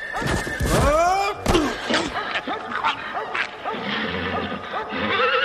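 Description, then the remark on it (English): A ridden horse whinnies loudly, its cry wavering, amid scraping, thudding hoof sounds as it stumbles and slides on a sheet of ice covering a little bridge. “Suddenly, in the distance, I heard the sound of horse hooves.”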